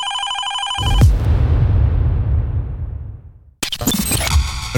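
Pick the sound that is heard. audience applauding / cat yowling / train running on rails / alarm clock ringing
alarm clock ringing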